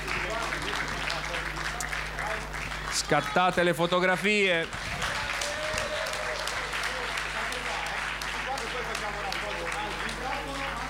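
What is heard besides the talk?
audience applause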